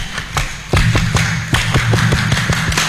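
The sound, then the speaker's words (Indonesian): A group claps the Indonesian Pramuka scout clap (tepuk pramuka) at RRI Jambi radio, in a fast, rhythmic pattern of sharp, loud claps, with brief pauses between bursts, no voices heard over the clapping. “1, 2, 3. Tepuk pramuka.”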